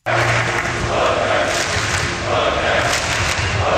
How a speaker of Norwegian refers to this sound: Blant fotballfansen skal vi høre nå, der var det vill glede i natt. Herrelandslaget spilte altså sin første VM-kamp på 28 år. Folk over hele landet jublet seg hese i lykkerys og etter seieren.